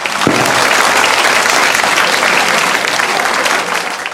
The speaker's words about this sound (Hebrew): זה בני ברוך, חבריה, כפיים לבני ברוך.